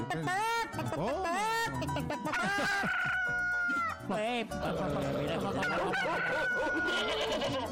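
A busy flock of chickens clucks and squawks continuously, with a rooster's drawn-out crow rising above the chatter twice, loud and close throughout.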